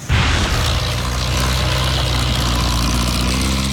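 A loud, steady drone of a firefighting aircraft dropping water over a burned, smoking landscape in France starts abruptly and holds for the whole clip, a deep propeller rumble with a broad roar on top. No one speaks.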